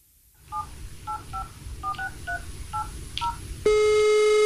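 About eight quick two-tone keypad beeps of a phone being dialed, spaced unevenly, followed by a loud, steady buzzing tone over a low background hum.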